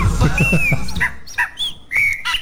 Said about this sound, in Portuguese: O passarinho, eu ia falar qual é o nome do passarinho aí, mas deixa quieto, né?